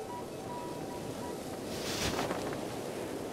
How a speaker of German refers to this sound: What a big boat. Was ein großes Boot. Warum brauchen wir das? Weil es so windig ist?